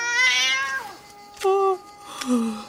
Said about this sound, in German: Wo willst du jetzt so schnell hin? Ich schwör, diese Katze ist nicht normal.